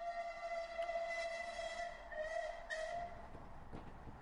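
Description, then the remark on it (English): A train sounds a long, steady, multi-toned whistle over a continuous rolling rumble, holding its pitch for several seconds with no voices. “Harper Thorne and Mrs. Kipling took a later train when the following events took place.”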